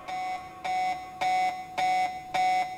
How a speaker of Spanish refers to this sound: ¿Habrá gente que tiene como alarma este tema? Pero te levantás a 2:20, no sé si está tan bueno.